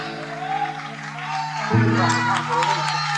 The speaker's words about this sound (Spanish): Muchísimas gracias. Fuerte el aplauso para esta banda.